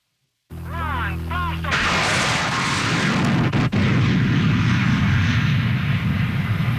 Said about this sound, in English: The sound of a rocket-powered car trying to jump the St. Lawrence River. It was the most ambitious stunt ever attempted by the daredevil Ken Carter, a.k.a. the Mad Canadian.